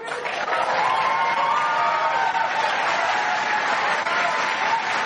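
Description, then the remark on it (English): A large crowd applauds AOC's call to abolish ICE, steadily for several seconds, a loud, dense wash of clapping with raised cheering voices mixed in throughout. “Normally, I would be a little surprised at a whole bunch of people applauding something like this without any real detractors in the audience.”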